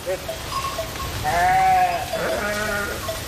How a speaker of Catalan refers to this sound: Aquest és el ramat públic d'ovelles i cabres d'Obiué, que ara treballarà també en la neteja del sotabosc de les línies elèctriques que hi ha al municipi.